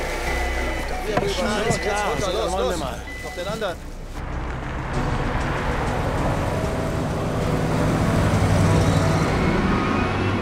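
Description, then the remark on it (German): A voice talks briefly, then a black SUV rolls past, followed by a heavy semi-trailer truck whose deep engine rumble and road noise swell loudly, drowning out everything else. “Hier ist gerade ein schwarzer SUV vorbeigekommen. Ich glaube, Silvestrelli hat auch drin gesessen. Ein LKW, ein Sattelschlepper ist hinterhergefahren.”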